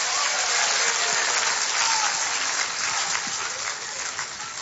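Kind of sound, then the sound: crowd, audience applauding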